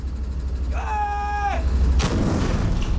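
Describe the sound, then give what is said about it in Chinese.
A new-generation artillery gun at position number five fires a single first round during the firing-preparation and test-firing phase: a sudden loud blast followed by a rumbling, hissing decay, preceded by a brief steady tonal signal over a constant low background rumble. “刚才五号位先打了一发，看看大家准备情况。”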